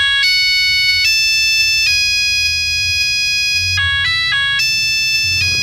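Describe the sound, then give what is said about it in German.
A mobile phone ringtone plays a synthetic, beeping version of a rock tune, its bright electronic notes stepping through a melody over a low background rumble, loud. “Achtung Leute, kleine Vorwarnung, aber den Klingelton hatte bestimmt der ein oder andere von euch.”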